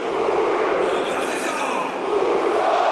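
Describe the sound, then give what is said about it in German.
A huge stadium crowd of Stuttgart fans roars in celebration of VfB Stuttgart's 1:0 goal against Köln, scored by Bilal El-Khanous in the 39th minute, a dense, steady wall of cheering and shouting that stays loud for the full three seconds. “Und das feiert natürlich das Stuttgarter Publikum.”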